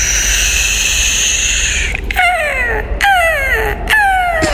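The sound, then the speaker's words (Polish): Seagull calls: three loud, descending squealing cries spaced about a second apart, following a couple of seconds of steady droning background noise with no talking. “To jest mewa zamknięta.”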